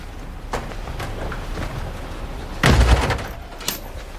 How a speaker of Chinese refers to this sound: 关门，换鞋。